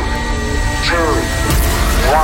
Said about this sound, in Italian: Accensione motori.